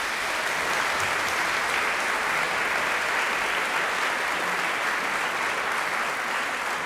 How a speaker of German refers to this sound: Das war Scendi dal Paradiso von Luca Marenzio. Einen großen Applaus für den Rundfunkchor Berlin und für Chefdirigent Gijs Lennerts. Danke.